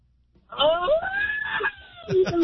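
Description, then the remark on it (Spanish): A person celebrating a birthday gives a loud, drawn-out celebratory shout that rises in pitch and then trails off, followed by a couple of short whoops, with no speech around it. “Grito de alguien, cumpleañero”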